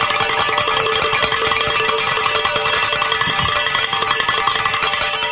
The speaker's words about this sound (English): Oh my gosh, Deacon, I'm so glad we got to ring those bells with you being here.